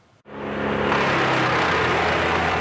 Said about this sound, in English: The sound of wood chippers fills the air just east of Rocky Mountain House. Machines destroying uprooted trees on this property just outside of town after a severe storm moved through the area Saturday evening.